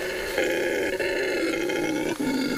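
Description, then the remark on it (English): A deep, continuous roaring call from a male red howler monkey in the Tambopata jungle by the Las Piedras River, loud and sustained with a rough, droning rumble that swells and dips briefly, with no talking. “A male Peruse red howler monkey.”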